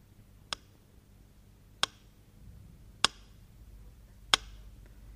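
A metronome ticks slowly and steadily, as it ticked in Leningrad during calm hours of the siege. It gives four sharp clicks spaced about a second and a quarter apart, each crisp and distinct over a faint low hum, with no voices.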